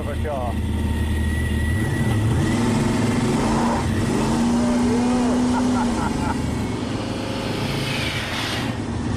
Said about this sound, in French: dont le moteur de 7 litres 6 boosté au protoxyde d'azote, transforme cette voiture d'ordinaire plutôt placide en véritable animal sauvage. Alors, c'est ce que t'attendais, non? Ouais, là, il y en a sous le capot.